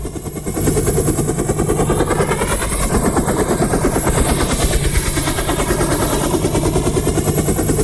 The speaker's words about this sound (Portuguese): É o belo helicóptero.